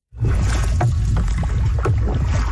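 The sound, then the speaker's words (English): Canoe paddles dip and splash in the North Saskatchewan River as teens paddle a 350-kilometre commemorative canoe trip; a few soft strokes over a steady low rumble and wind noise, continuous with no talking. “These Lloydminster teens were paddling with a purpose. 350 kilometers down the North Saskatchewan River.”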